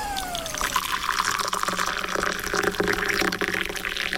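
Water pours steadily into a cup to make a cup of tea for a few seconds, a continuous bright splashing hiss that holds an even loudness throughout, opening with a brief falling tone. No one speaks.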